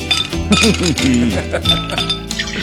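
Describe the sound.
A voice imitates a cork popping out of a barrel, with sweeping vocal sounds and sharp clinking transients over a busy, fairly loud background.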